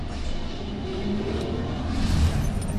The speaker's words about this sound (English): Now, well, this is stock standard, so if you put your microphone close to the engine, you'll hear nothing.